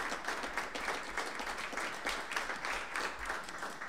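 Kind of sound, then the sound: crowd, audience applause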